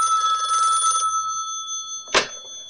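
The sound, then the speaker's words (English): A telephone bell rings in a rapid, metallic trill for about a second, its tone lingering faintly before a short, sharp clack near the end. No voices are heard. “Hey, man, I told you to use my pager only. No phone calls, remember?”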